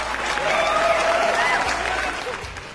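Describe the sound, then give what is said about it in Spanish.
A crowd claps steadily in sustained applause, with a few whistles or cheers rising above the dense patter, holding at a fairly loud level before easing off slightly at the end. “Les mandamos un saludote y un aplauso para todos ustedes que aman lo que hacen.”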